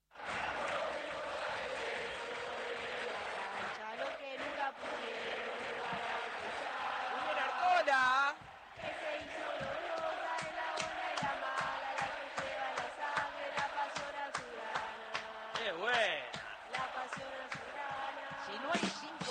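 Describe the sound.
A roaring stadium crowd ambience effect: a dense, continuous wall of voices singing and cheering, punctuated by steady rhythmic thumps like drumbeats, staying loud for the whole stretch with a brief dip midway.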